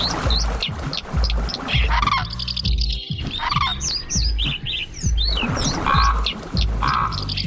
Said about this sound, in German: Sie hörten den Kolkraben, den Kranich, die Mehlschwalbe, den Trauerschnäpper und die Wasseramsel.